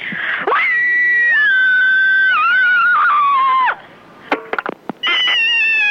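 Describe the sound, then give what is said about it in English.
A person lets out a long, loud, shrill scream that wavers and slowly falls in pitch, then a few short sharp yelps and another piercing scream begins. “There's nothing like a good scream to get your aggressions out, and I am particularly one of these people who needs to ventilate quite regularly.”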